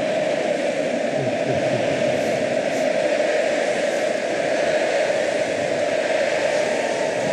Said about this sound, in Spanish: Conmovido Mastantuono también. Ovación del estadio.